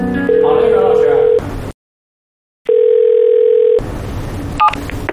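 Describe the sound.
Staff dial a manager's phone and the line rings before the call connects: two long, steady electronic ringback tones separated by a second of silence, with faint voices and room noise around them.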